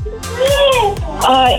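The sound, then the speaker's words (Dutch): A three-year-old child's high-pitched voice rings out in two short, sing-song bursts in the background of a caller's phone line. “Ik hoor daar trouwens nog wat sfeer bij jou op de achtergrond.”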